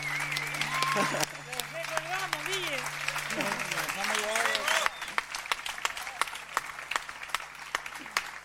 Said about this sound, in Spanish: Fuerte ese aplauso para los pibes, los viendo acá, por favor.